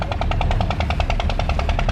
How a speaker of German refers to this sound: Hin und wieder hört man auch das Knattern der Wasserpumpen.